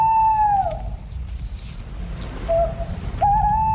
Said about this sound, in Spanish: Esto es una rapaz nocturna, yo creo que es un cárabo. Bueno, podría valer. Es un búho. Es un búho, es vale. Es un búho, pero sí, te lo damos por bueno también.